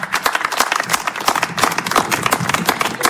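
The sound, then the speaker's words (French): A crowd applauds steadily for a few seconds for a female guest: a dense, crackling wash of many hands clapping at once, holding an even, fairly loud level with no voices over it. “En tout cas, applaudissements encore”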